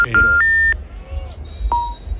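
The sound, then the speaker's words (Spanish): Electronic phone-line tones: a quick rising sequence of steady beeps, a pause, then a single clear beep, heard over a low background rumble, as when a call goes unanswered. “Menos Paquito, mal que no cogido, contesta, hombre.”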